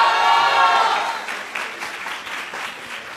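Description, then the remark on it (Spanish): An audience applauds loudly for a software degree student being introduced at a broadcast event. The dense wash of clapping starts strong, then softens and thins into scattered, uneven claps toward the end. “para quien también pido un fuerte aplauso, por favor.”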